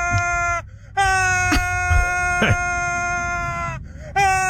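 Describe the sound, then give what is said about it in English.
YouTube personality Frankie McDonald uses his voice to imitate a tornado siren for his 'Ultra Tornado Sound'. The long, steady, loud wailing tones are held at a nearly constant pitch and broken by two brief pauses for breath. “Let's do Ultra Tornado Sound. You wear that sound, yeah. A little tornado siren.”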